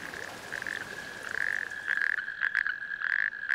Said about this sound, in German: Es sind männliche Kreuzkröten, deren Bestand in anderen Teilen Deutschlands immer mehr abnimmt. Ihr Paarungsruf ist 2 Kilometer weit zu hören.